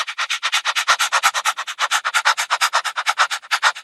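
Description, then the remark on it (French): A dog panting rapidly, a steady run of about thirty quick, breathy huffs with no pauses, fairly loud and airy, with no voices over it. “Alors, moi, je pense à un chien qui allait. Eh bien, c'est une bonne réponse.”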